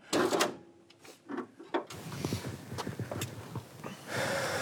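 A car door is opened on a car with a spoiler and black genuine leather seats: a few sharp latch clicks and clunks, then a rattling, shuffling stretch of handling noise as it swings open. No one speaks.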